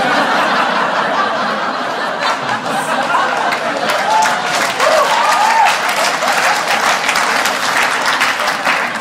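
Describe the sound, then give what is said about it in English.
A crowd claps steadily for about nine seconds, a dense, loud wash of applause with scattered chuckles and a few cheers mixed in. “You guys just applauded bullies.”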